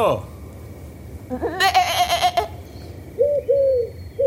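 A sheep named Bétka lets out a loud, quavering bleat, followed after a short pause by two briefer, softer bleating calls.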